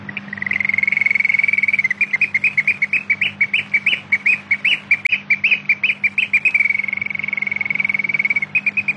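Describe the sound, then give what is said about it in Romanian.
A nightingale sings alone and loud: a long rapid trill breaks into a run of quick repeated notes, then settles back into a steady trill, with a faint low hum underneath. “Îți mulțumesc, micuță privighetoare. Am fost nedrept cu tine, dar tu n-ai pregetat să vii și să-mi redai viața cu fraja cântecului tău.”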